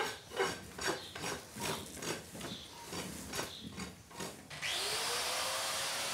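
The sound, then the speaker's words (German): Several rhythmic scraping strokes on hard hoof material, then an angle grinder spins up and runs loud and steady until the end, trimming an animal's claws during a claw treatment and examination, with no one speaking. “Pediküre mit der Flex.”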